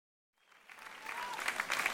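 Audience applause rises from silence, a dense crackle of many clapping hands that swells steadily and stays loud and continuous through the end.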